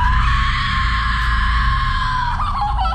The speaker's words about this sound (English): This is Jenna Ortega. Have a listen to her Hollywood horror scream.